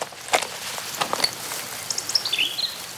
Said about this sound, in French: On est au bord d'une rivière. Est-ce que tu entends l'eau de la rivière? La rivière coule. La rivière coule paisiblement. Ici, tout est calme.